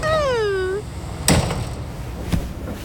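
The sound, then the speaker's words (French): A train door being opened and shut repeatedly in play: a falling, whining tone, then two solid clunks about a second apart as the door opens and shuts, over a steady background rumble. “Attention, tout doux, il ne faut pas jouer avec les portes, tu vas te pincer les doigts.”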